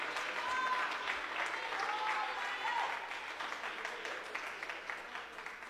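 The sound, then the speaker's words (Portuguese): An audience applauds the Lord steadily, a dense wash of many hands clapping at a fairly strong, even level that eases off slightly toward the end, with a few faint voices mixed in. “Podeis assentar e aplaudir ao Senhor se você sentir bem forte, bem alegre e bem feliz.”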